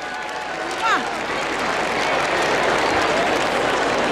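An audience applauds steadily for the whole stretch, a dense, loud wash of clapping, with a short rising whistle or cheer cutting through near the start.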